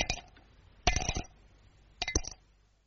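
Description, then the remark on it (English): Stones from Mr. Kipling Cape Plums, eaten for afters, clink into a dish in three short bursts, each a quick cluster of bright, ringing taps that fade between drops, with no voices. “There's a very sweet sound to Cape Plums when you have them for afters.”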